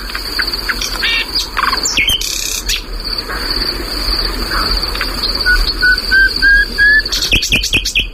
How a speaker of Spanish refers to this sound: Este pájaro, por cierto, perdona, sí, está cantando en un lugar que anteayer ardió. Ah, sí, wow. Está grabado hace unos años, pero ya esto se quemó.